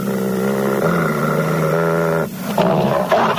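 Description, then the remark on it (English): A werewolf lets out a loud, deep roar, sustained for about two seconds before breaking into a harsher, raspier snarl. No one speaks. “So, you're a werewolf, eh? You must be the wolf that bit me earlier.”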